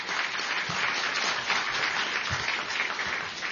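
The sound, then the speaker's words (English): Sustained applause from an audience at the National Press Club fills the whole stretch, a dense, steady wash of many hands clapping at an even, fairly loud level with no voices on top. “Well, how about another round of applause for Mark Sheff and the National Press Club?”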